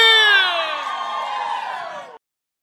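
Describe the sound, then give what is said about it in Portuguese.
A crowd lets out a loud, sustained collective shout and cheer, many voices blending together for about two seconds before cutting off abruptly. “solta o grito aí!”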